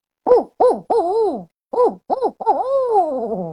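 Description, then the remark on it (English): A person imitates a barred owl call with their voice, giving two rhythmic phrases of three hoots each, the final hoot drawn out and sliding downward. “Like the barred owl, I have to build us a lot of air to be able to do it.”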